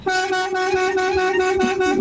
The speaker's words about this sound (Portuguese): É isso, é a buzina, você chegou lá, vou dar uma buzinadinha, ó.